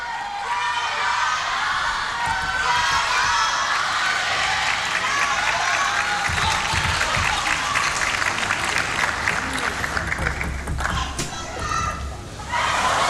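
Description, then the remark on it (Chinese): A large crowd of spectators shouts and claps throughout a table tennis match between Wang Manyu and Hina Hayata, a loud, dense roar of voices with applause rising and falling. “哎，现场观众是在喊什么？”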